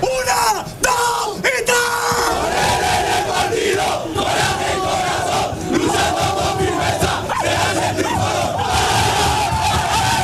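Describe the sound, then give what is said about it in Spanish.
A group of voices in the Málaga football team's locker room bellows a loud, sustained rallying cry, chanting and yelling together in rhythmic bursts that stay intense throughout, with sharp shouts rising above the crowd roar. “Creo que era Dani Sánchez el último que daba ese grito de aliento.”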